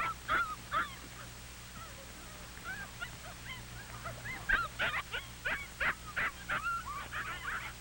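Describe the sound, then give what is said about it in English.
Puppies whimper and yip in a busy, overlapping chorus of short, high-pitched cries and squeaks, some rising and falling, with a low steady hum underneath and no talking. “Paul has never seen so many puppies.”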